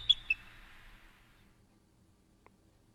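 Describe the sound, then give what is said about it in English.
Bird sounds: two sharp, high chirps at the very start trail off into a fading twitter, then a lone faint chirp near the end, all quiet with no voices. “These are just bird sounds.”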